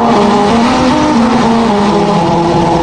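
A car drives over a musical road, its tires droning a loud, buzzy tone that steps between pitches to trace a slow melody, with steady road rumble underneath and no voices.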